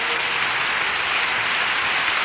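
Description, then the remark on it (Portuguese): Sustained applause on the Canta Brasil program, a dense steady wash of many hands clapping at once to welcome a listener. It is loud and even throughout, with no talking over it. “Mais palmas, oi, oi, oi, oi, oi!”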